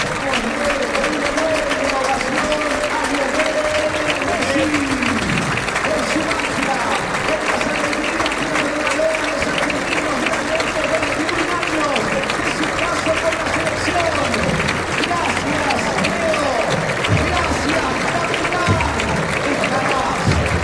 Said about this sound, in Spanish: El aplauso cerrado de todo Alberdi al minuto 10, el reconocimiento a Lionel Messi.